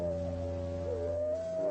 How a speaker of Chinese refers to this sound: 每匹狼嚎叫的声音都不一样